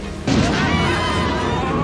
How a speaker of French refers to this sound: Non, cet orage est un peu fort, mais ce n'est qu'un orage.